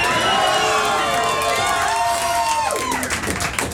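A crowd erupts in loud, sustained applause and cheering, with overlapping shouts and whoops riding on a dense wash of clapping that fades slightly toward the end.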